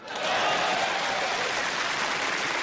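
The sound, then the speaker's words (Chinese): A crowd applauds steadily, a dense wash of many hands clapping that swells in quickly and holds at a fairly loud, even level throughout, with no voices. “就这样仍然坚持鼓掌。”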